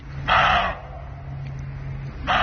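Roe deer barking: two harsh, hoarse barks about two seconds apart, the second cut short, over a low steady hum.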